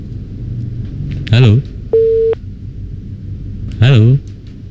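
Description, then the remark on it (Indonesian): A single steady electronic tone beeps briefly as a caller's phone line from Ciasem Gede drops, set between two bursts of a man's voice over a low, constant background rumble. “Wah, terputus sepertinya ya.”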